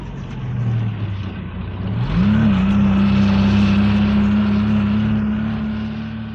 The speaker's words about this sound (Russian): Дорога становится все круче. Чем дальше, тем глубже снег. Машина буксует, и мы подталкиваем ее.